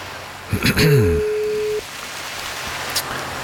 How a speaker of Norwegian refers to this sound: Vi ringer dem opp på direkten, altså det ikke helt sikkert at de alltid tar telefonen